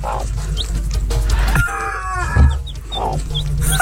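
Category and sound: bird, rooster crowing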